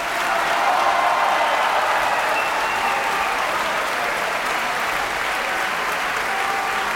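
Sustained applause and cheering from a large opera audience for singer Elina Garancia, who sang the role of the Princess of Bouillon. A dense wash of clapping at steady loudness throughout. No one speaks.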